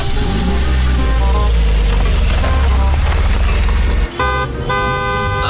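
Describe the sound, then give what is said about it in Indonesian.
A steady low rumble of idling car engines fills the scene, with loud car horns honking repeatedly and overlapping, as vehicles sit stuck bumper to bumper in a traffic jam on the drive to the airport. “Kok ada macet-macetan gini?”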